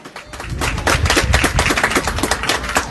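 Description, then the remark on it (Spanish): An audience at the second Regional Lime Festival in Coina claps for the mayor of the Coina settlement, Miguel Ángel Ponce Credet, in a dense, steady burst of applause, many overlapping sharp hand claps rising quickly and staying loud for about three seconds, with no voices over it. “Bien fuerte los aplausos.”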